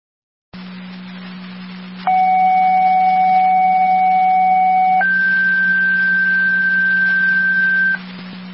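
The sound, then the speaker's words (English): Fire dispatch pager alert tones, sent by fire control to tone out a driver for Medic 5 responding to Sunnydale, over a humming radio channel: one steady pitched tone holds for about three seconds, then shifts to a second, higher tone for another three seconds. No one speaks. “You could tone for a crew if you have one.”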